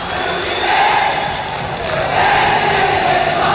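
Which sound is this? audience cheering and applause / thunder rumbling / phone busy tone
audience cheering and applause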